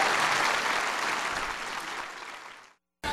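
An audience applauds their president, clapping steadily in a dense, hissy wash of applause that fades out toward the end, cuts to silence, then bursts back briefly at the very close.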